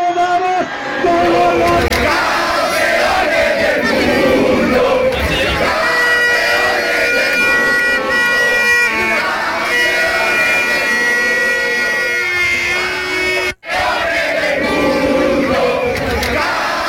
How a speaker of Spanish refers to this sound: Estos son los gritos de jóvenes aficionados anoche en la Plaza de España de Molina de Segura.